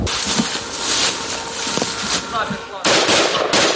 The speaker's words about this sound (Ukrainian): Чітко за розкладом, за 5 хвилин до 3 почалися знову пуски кабів, тож зараз до такого досить щільного дзищання дронів у небі доєднуються ще й гавкання від того, як лягають керовані авіабомби. Ляп. Третій. Зараз четвертий підлітає. Четвертий.